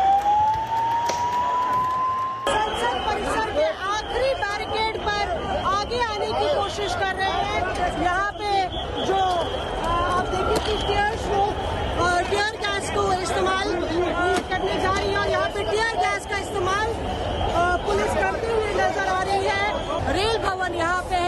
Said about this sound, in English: As crowds swelled, protesters tried to break through barricades and the police fired tear gas shells.